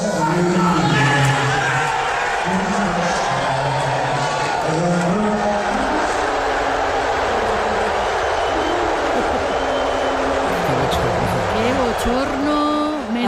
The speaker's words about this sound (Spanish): Menudo abucheo. Pero tú sabes, Marisol, que él dijo que no era un abucheo, que le estaban ovacionando.